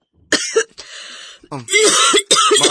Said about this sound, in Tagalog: Ma, kung naiayo-ayo ay mong ubo eh.